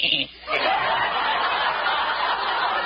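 A goat bleats loudly, a long wavering, nasal cry that follows a brief opening burst and holds steady to the end.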